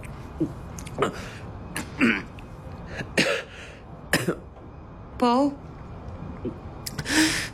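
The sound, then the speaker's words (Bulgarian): A string of harsh, sputtering coughs and throat-clearing bursts from someone choking on candied fruit comes in irregular fits, with a brief strained vocal sound and a short spoken word between them. “Внимателно, задави ли се?”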